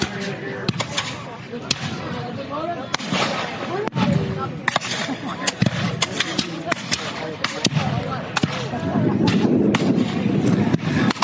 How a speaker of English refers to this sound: There's a volley from the British Grenadiers.